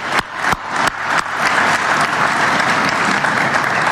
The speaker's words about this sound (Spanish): Así que para todos los trabajadores, más de 1.500 hoy día, y ojalá 2.500 y más, este aplauso que les damos entre todos. Muchas gracias.